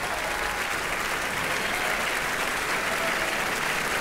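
Steady, vigorous applause from a large audience at the Felsenreitschule as director Romeo Castellucci and his directing team bow on stage after Saint-François d'Assise, a dense wash of clapping that holds at an even loudness throughout with no voices rising above it.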